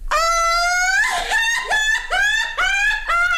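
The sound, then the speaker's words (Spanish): A loud, dramatic, high-pitched scream from one person, a so-called 'peroxide scream', held for several seconds and breaking into a series of wavering, cracking shrieks. No other voices or sounds accompany it. “Grito de peróxido.”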